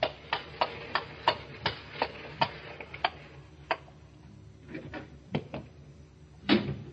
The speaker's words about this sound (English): And late one summer night, when the shutters were long closed on those windows, a four-wheeler drew up before the door in the gas-lit street.